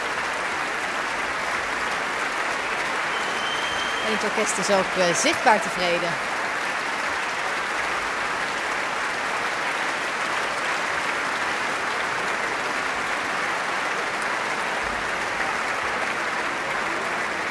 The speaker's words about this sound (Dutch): Het publiek staat nog volledig. Niemand gaat nog naar buiten. Iedereen fluit zoals u hoort.